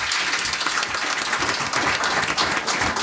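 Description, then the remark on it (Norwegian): Steady, dense applause from a group for someone who founded their own AI company, many hands clapping continuously at an even loudness for a few seconds, with no voices rising above it. “Trenger en liten applaus bare det, synes jeg.”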